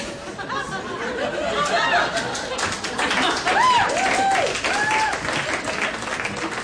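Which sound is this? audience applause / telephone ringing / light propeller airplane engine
audience applause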